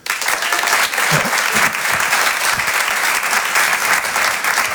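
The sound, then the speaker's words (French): Steady applause from an audience, clapping in answer to the performer asking who knows him, a dense wash of many hands clapping at full volume without pause for several seconds, with a few faint voices mixed in. “Par applaudissement, qui me connaît ici?”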